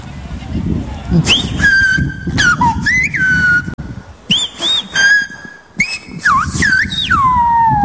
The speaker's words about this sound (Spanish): Lo voy a silbar despacito para que todos lo entiendan. Venga, ¿vale? Atentos, ¡viva, vale, La Gomera y viva el Rosario!